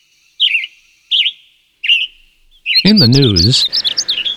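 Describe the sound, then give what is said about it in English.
A western tanager, found in the Eel River Preserve, sings three short, burry whistled phrases, evenly spaced about half a second apart. A voice then cuts in over a final burst of song. “A very lost western tanager was found in the Eel River Preserve.”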